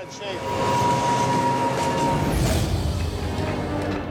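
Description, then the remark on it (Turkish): A heavy gravel train rolls along the rails in a steady, loud low rumble, with a thin metallic whine running through it and a brief sharp clank about halfway. “Raylarda bir çakıl treni var ve buradan tek parça halinde geçmesi gerekiyor.”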